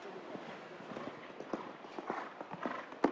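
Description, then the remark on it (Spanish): The horse Kanpai, ridden by Eiken Sato in a show jumping round, canters with its hooves in a quick, uneven rhythm of soft thuds over a steady wash of background noise, with one sharper strike at the end. “Vemos que el tranco del caballo no se abre.”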